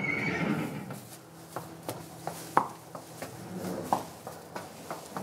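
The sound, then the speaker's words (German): A Haflinger horse whinnies briefly at the start, followed by a steady series of sharp, evenly spaced hoof clops on a hard surface, on a horse-breeding and horse-milk farm near Bad Segeberg, Germany, with no talking. “Seit über 25 Jahren verkauft die Familie auch die Milch ihrer Pferde.”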